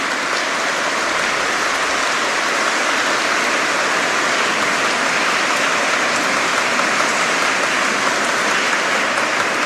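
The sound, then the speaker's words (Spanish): A church audience applauds the catechism children and altar boys, a dense, steady wash of many hands clapping that holds at an even, fairly loud level for about ten seconds with no voices over it. “Así que les damos un cariñoso aplauso a los niños de catecismo y a los monaguillos.”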